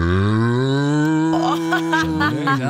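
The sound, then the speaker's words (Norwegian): A person imitates a cow's moo, acting out a 'cool cow': one long, low, droning call that holds steady and shifts in tone near the end, fairly loud, with no other sounds around it. “Den siste køen der har på seg solbriller, det hører jeg.”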